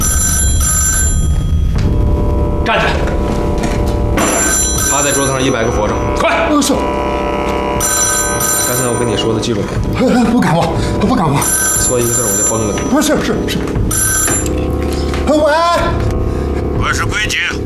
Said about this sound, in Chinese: 报告规矩太君。 我们正在院子里出操呢，听见电话铃声，我就来接电话了。